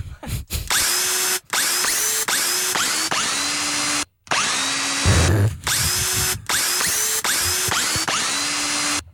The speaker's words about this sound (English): if you know the song we're playing on the power tool.